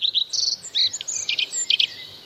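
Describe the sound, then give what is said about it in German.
A common redstart sings a quick run of high, bright chirps and warbling phrases, clear, with no voices over it. “Auch weil er so schön singt, hören wir ihn einmal.”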